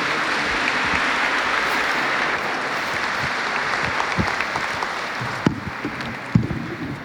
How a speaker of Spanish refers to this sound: Los invito a recibir con un fuerte aplauso al licenciado Israel Irías